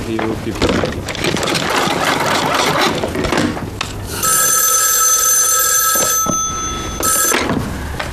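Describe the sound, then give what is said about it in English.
A telephone rings loudly in a steady, bright electric tone, one long ring and then a short burst, after several seconds of busy, rumbling clatter, as a call is placed to Washington. “Get Washington on the phone.”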